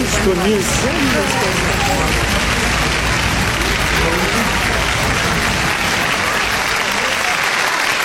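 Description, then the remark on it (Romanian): A theatre audience bursts into loud, sustained applause, a dense steady roar of clapping with scattered shouts and cheering voices rising above it, especially at the start. “Ascultă cum răsună teatrul întreg de strigăt, de aplauz.”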